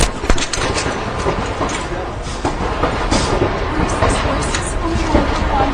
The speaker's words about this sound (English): Yeah, so, I mean, as you can wow. hear, yeah, that was a lot of gunfire. And in the video, you just see her, you know, kind of startled by the initial shots, and then they all kind of ducked for cover.